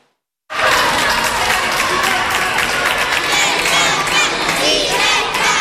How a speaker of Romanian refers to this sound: Madridul reprezintă prima etapă a vizitei Papei Leon, una așteptată de o țară întreagă. Drept dovadă, zecile de mii de oameni adunați de-a lungul traseului său.